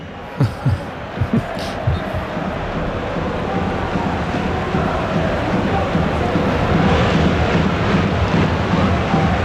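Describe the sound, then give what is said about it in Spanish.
A large football stadium crowd chants in unison at the referee, shouting "árbitro a la nevera" (referee to the fridge), a dense, steady roar of many voices that swells slightly toward the end, with a few sharp thumps in the opening seconds. “Estoy dejando el ambiente para ver si escuchamos lo que gritan.”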